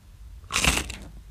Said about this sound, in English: This is a thick cut, crinkle cut Samboy barbecue chip. Mm-hmm. This is what it sounds like. Take a listen.